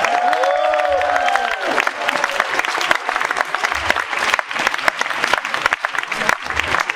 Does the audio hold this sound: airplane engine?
no